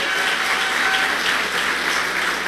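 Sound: round of applause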